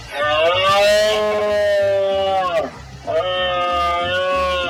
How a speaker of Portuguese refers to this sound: Nas montañas de Trevinca, nas serras dos Ancares, o Courel ou do Sistral, comezou a brama, a berrea do cervo. Hai bastantes rutas para ir a escoitar os cervos en esta brama, pero poñan coidado de non achegarse, nin de interferir na natureza.